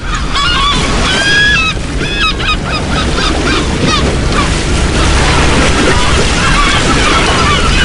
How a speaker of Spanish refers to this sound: en el puerto de Malpica, donde empieza la Costa de la Muerte, en Galicia, en Coruña, y un puerto es un refugio. Aquí dentro, entre detrás del espigón, el agua está tranquila, las gaviotas gritan tranquilas y al fondo se está levantando un temporal.